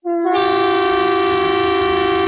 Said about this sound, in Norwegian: Dette er en viktig melding fra politiet og sivilforsvaret. 10. juni klokken 12. Testes nødvarsel på mobil. Og tyfonene.